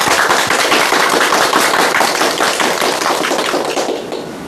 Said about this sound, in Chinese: 我们掌声欢迎。